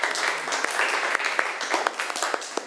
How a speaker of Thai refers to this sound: เก่งมากเลยปรบมือให้เพื่อนหน่อยค่ะ